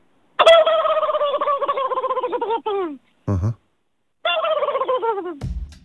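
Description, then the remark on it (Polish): A man mimics a turkey's gobble: two long, loud, warbling rattles separated by a brief low grunt, ending with a short low thump. “Ja bym chciał przynaśladować indyka.”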